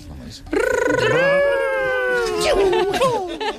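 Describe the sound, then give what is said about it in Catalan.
A voice imitates Sonic, the blue video game hedgehog, running very fast, as parents make video game sounds in a game: one loud, sustained, buzzy whine that rises in pitch and holds, then breaks into shorter wobbly vocal sounds. “I heu de fer el Ronald d'en Sonic corrent molt ràpid, molt ràpid, molt ràpid.”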